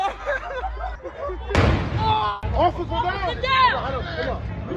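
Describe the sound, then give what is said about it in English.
A single sharp blast from an illegal firework cracks out near Brady Street in Milwaukee early on a Sunday, exploding near a police officer, its noise trailing off over a second, while a large crowd keeps chattering and shouting all around before and after. “It happened early Sunday as video on social media shows the officer knocked to the ground after a firework exploded near her, appearing to cause facial injuries.”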